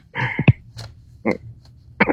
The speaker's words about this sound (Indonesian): Nah, biasa, batuk-batuk kecil. Oh, batuk-batuk kecil.